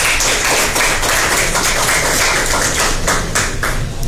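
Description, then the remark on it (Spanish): An audience applauds steadily for about four seconds to thank sponsors at a school graduation party, the Farra Colegial Graduación 2026, a dense, loud wash of many hands clapping at once with no voices over it. “Aplausos, por favor.”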